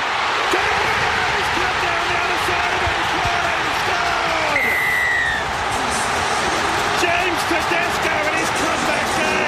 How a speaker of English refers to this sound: And the crowd goes wild. So this is the State of O last night. The visitors, Queensland, initially shot out to a 20-0 lead, and then New South Wales managed to spark the biggest comeback win in State of O history, taking the final score 22-20.